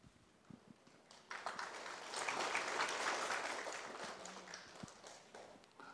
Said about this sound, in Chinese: 掌声应该可以更热烈一点，表达我们的期待。